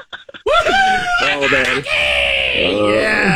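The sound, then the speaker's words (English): A man lets out a loud, sustained scream of excitement after finding a key, his voice wavering and cracking in pitch for about three seconds after a few brief clicks at the start. “Oh, I screamed.”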